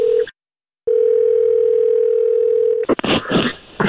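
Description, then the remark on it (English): A steady, clear phone ringback tone on an outgoing call: a short tail of one ring, a brief silence, then a full two-second ring before a voice picks up and starts talking. “All right, okay, it's ringing.”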